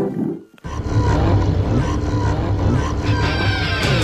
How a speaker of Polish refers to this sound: Brum, brum, brum. Dźwięki samochodu oznaczają, że wyjeżdżamy na lokalne drogi i stajemy w korku w Grodzisku Mazowieckim.